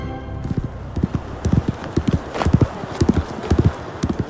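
Horse hooves clip-clop in a steady, rhythmic gait, the sharp hoof strikes falling in quick pairs, fairly loud against a faint background hiss.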